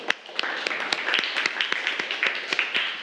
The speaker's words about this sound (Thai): เอาปรบมือให้เพื่อนหน่อยครับ